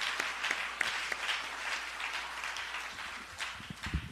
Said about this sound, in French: Alors, à nous, bon Dieu, gloire, à nous, applaudis mon Dieu pour ça. Amen.